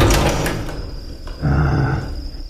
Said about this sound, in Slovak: Pipa, zatvor dvere.